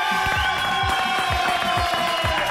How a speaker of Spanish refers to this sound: Bueno, ya espero los aplausos ahora para el más importante, Jesucristo.